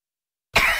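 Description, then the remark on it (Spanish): A single harsh, loud cough bursts out after a moment of silence in an advertisement for Palto Miel cough syrup, with a raspy, breathy texture that lingers briefly before cutting off. “La tos, ¿no los deja dormir en casa?”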